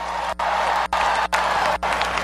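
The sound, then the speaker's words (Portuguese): A crowd applauds in praise of God, with steady, dense, loud, crackling clapping broken by brief, evenly spaced drop-outs roughly every half second. A low steady hum runs underneath, and no one speaks. “Uma salva de palmas para a cola de Deus.”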